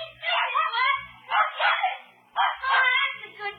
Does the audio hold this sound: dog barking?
yes